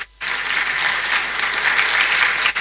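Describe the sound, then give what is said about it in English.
A crowd bursts into steady, dense applause after a brief moment of quiet, the clapping sustained and fairly loud throughout, sounding like a sizable audience, applauding His Royal Majesty, the government chair. “A round of applause for him, please.”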